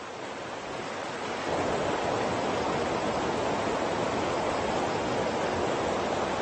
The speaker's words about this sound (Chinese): 鱼儿为了繁衍后代，必须逆流而上，越过这道瀑布。